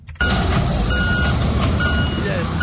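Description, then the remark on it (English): Heavy machinery rumbles steadily with a dense low-end drone, while a thin, high reversing-style beep tone sounds intermittently over it, as excavators and earth-moving equipment work at a building in Aveno, Accra, that collapsed after heavy rains, while emergency responders search piles of concrete and twisted metal. “The sound of excavators and other earth-moving equipment pierced the silence as emergency responders combed through piles of concrete and twisted metals at the collapsed building site in Aveno.”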